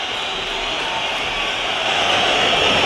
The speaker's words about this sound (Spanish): Pitada, bronca, algún pañuelo veo en la grada, los jugadores que enfilan la bocana de vestuarios. Al descanso en Mestalla, Valencia 0, Atlético de Madrid 0.